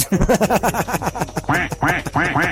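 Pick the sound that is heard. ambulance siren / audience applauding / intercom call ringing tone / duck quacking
duck quacking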